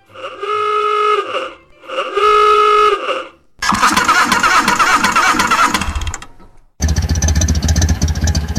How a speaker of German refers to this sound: Das kleine Gefühl von Freiheit, wenn man einsteigt, den Motor startet und einfach losfährt.